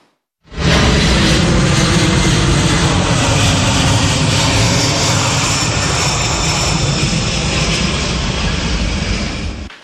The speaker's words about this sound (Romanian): O vizită surpriză la Moscova, un avion de transport al armatei americane a aterizat în Rusia în această după-amiază.